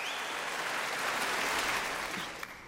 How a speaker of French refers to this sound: Et puis vous l'entendez, hein, le public de Stockholm n'a de toute façon pas très envie que le concert s'arrête. Je vous laisse retrouver les applaudissements